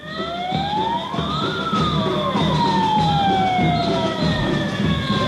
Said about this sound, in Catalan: Això que sentiu és la concentració que s'ha fet avui matí a la plaça de Cort. Els socorristes de Palma s'han manifestat davant l'Ajuntament per advertir que si les condicions de les costes no canvien, com escoltar fa uns minuts, es farà una vaga